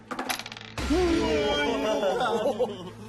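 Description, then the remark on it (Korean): Dice thrown in a world history quiz show game rattle and clatter in a quick burst of sharp clicks for under a second, then stop as a loud, sustained voice with rising and falling pitch, like excited cheering or laughter, takes over. “그럼 주사위를 던져주세요.”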